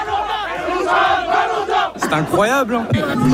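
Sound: football fans celebrating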